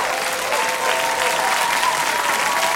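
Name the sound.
round of applause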